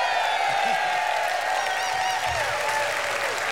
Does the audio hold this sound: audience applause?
yes